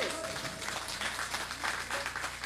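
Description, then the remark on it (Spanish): A crowd at an inauguration applauds steadily to welcome the group a band, dense overlapping claps forming a continuous wash of sound throughout, with no pauses or voices standing out. “Que Kmigre, pues, sean fuertes aplausos, señores.”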